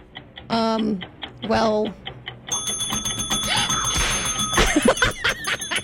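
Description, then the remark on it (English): A trivia game timer ticks steadily, then breaks into a loud, rapid, continuous bell-like ringing that lasts to the end, with bursts of voices and laughter near the start. “How much was left on the timer?”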